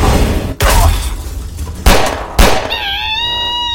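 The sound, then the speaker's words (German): Three loud, sharp gunshots firing silver bullets crack out at uneven intervals over a rumbling background, followed by a high, wavering, whine-like cry that trails on after the last shot. “Ah, Silberkugeln bringen uns hier nicht weiter.”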